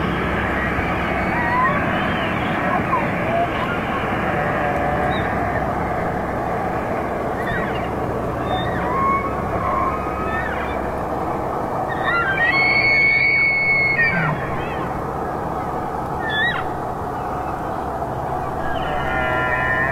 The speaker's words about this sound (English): The sounds of elk vocalizations during their fall migration.